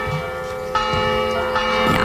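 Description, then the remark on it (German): Wedding church bells ring out in a festive peal on Madeira for the wedding of Cristiano Ronaldo, overlapping strikes with long sustained tones filling the air, loud with no voices. “Sollen die Hochzeitsglocken läuten und zwar für keinen geringeren als Cristiano Ronaldo.”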